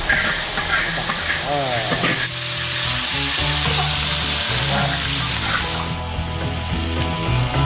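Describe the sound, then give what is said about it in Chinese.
Mixed grains (mung beans, red beans, small peanuts), soaked for 30 minutes, and rice sizzle steadily in hot oil as they are stir-fried, a continuous crackling hiss broken by the scrape and toss of a spatula in the wok. “起锅烧油，将泡发的杂粮、大米下锅炒制。”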